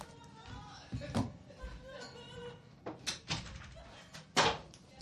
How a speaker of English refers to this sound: I'm going to have to close my door. One second.